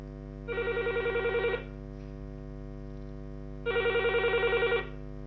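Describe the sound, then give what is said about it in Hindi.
A telephone rings twice for a listener's call to the radio request programme Phone Karein Geet Sunein. Each ring is a roughly one-second burst of rapid electronic trilling separated by a pause, heard clearly over a steady low hum with no one speaking. “आपका अपना ये कार्यक्रम जुड़ा होता है आपकी फरमाइश से और आप अपनी फरमाइश हम तक पहुंचाते हैं टेलीफोन के माध्यम से।”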